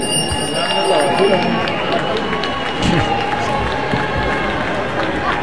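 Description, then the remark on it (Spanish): In the Senate, a dense crowd of 4T senators chants "presidenta, presidenta" and shouts in a continuous, loud roar of many voices as they receive Secretary of Gobernación Rosa Isela Rodríguez on her arrival, with sharp whistles and bursts of cheering rising over the steady mass of noise. “Porque ahí en el Senado, entre gritos de presidenta, presidenta, los senadores de la 4T recibieron a la titular de Gobernación, Rosa Isela Rodríguez, a su llegada a la Cámara Alta.”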